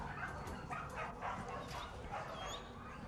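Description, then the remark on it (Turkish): A crowd of dogs barks and yips at once at an animal shelter in a dense, overlapping, echoing din, with occasional whimpers, without pause for the whole stretch. “Nedir burası? Hayvan barını.”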